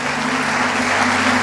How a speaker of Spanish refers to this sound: Aleluya. Aplaude a Dios.